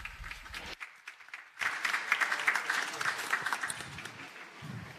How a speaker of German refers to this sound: Bitte begrüßt sie mit einem lauten Applaus.